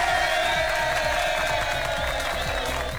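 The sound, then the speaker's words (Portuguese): A crowd applauds and cheers in a steady, dense wash of clapping and voices that holds at full strength for the whole few seconds, with no pauses or single claps standing out. “Salve pra gente! Vamos aplaudir!”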